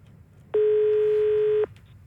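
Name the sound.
telephone call connecting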